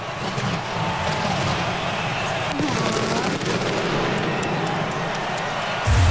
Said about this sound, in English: Letting off the fireworks.